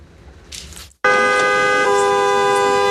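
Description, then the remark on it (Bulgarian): After a second of muffled traffic rumble from cars queued at the Kapitan Andreevo border crossing from Turkey into Bulgaria, a loud car horn blares and holds for about two seconds, its tone shifting slightly partway through. No one speaks. “Колони от автомобили чакат на граничния плац, а преминаването на границата отнема повече от 3 часа.”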